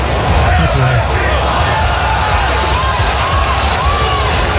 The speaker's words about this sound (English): I love a good sell the team chant.